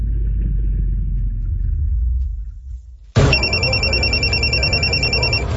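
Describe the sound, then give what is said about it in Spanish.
A low rumble fades out, then a telephone suddenly starts ringing, loud, with a rapid, continuous metallic trill that keeps going to the end. “Cuando suena el teléfono, ellos no dudan.”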